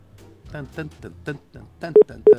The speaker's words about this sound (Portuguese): Ó, a internet discada aqui.